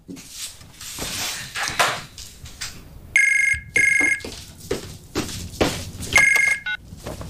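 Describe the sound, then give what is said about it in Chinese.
A telephone rings with a late-night call from a mother, in short, bright electronic bursts, three rings separated by pauses, fairly loud over a busy background of clatter and movement. “哎妈，这么晚给我打电话，有事儿啊？”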